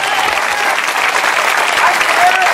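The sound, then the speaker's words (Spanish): An audience claps loudly and steadily in applause to God, a dense, continuous wash of applause with faint voices and shouts mixed in throughout. “Dale fuerte ese aplauso si es a Dios.”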